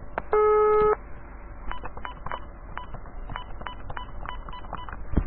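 A loud telephone tone on a Vodafone line sounds briefly, then a quick run of short keypad dialing beeps plays in an irregular rhythm over faint line hiss, with no voices.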